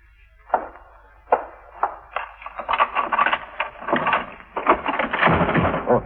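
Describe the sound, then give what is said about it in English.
A few sharp metallic clicks of a passkey turning in a lock, followed by a door opening a short way and the door chain catching with a busy, jangling rattle that continues. No one speaks. “She's got on the door chain.”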